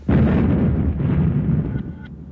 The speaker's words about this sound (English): And he waited for the blast to go off, and nothing happened. And there were guards there, you know, he had to crawl back. when he almost got to the door, it all exploded.